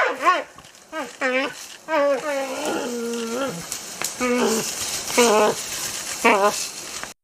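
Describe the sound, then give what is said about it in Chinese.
Two giant pandas roar and bleat in repeated harsh, wavering bursts while fighting, clawing and biting each other, with rustling and scuffling noise filling the gaps between calls. “双方嘶吼抓咬，但并未决出胜负。”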